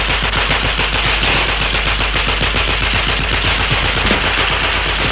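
gunfire

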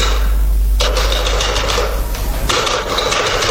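telephone being dialed

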